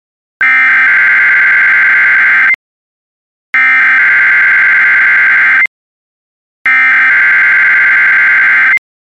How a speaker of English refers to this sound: National Weather Service weather radio warning alarm for the WXL 51 listening area of Northwest Ohio